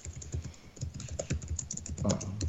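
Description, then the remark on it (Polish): Rapid, irregular clicking of keys on a computer keyboard, a steady flurry of crisp taps with no voices, fairly quiet overall. “To jak chcesz klepać, to nie zajmuję anteny”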